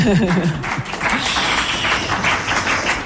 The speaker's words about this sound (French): Et on peut les applaudir, on peut les applaudir.